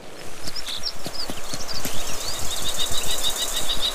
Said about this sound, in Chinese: 红隼的叫声引起了许多动物的注意，金雕的偷袭计划因此落空，看他们纷纷提高警惕。